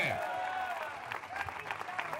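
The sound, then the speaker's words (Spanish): An audience applauds the Lord and his name, with scattered claps building into steady, uneven clapping over a sustained voice-like tone and crowd murmur. “Del fuerte se aplausa al Señor, a su nombre.”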